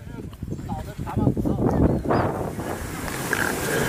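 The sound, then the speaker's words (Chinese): Strong wind roars across the exposed summit of Daxiangling mountain as clouds gather, a steady rumbling buffet that gusts louder midway and buffets the microphone, with faint indistinct voices half-buried beneath. “队员们也观察到，大象岭山顶已经开始慢慢聚拢起团团云雾，风势渐强，大家加快了登顶的脚步。”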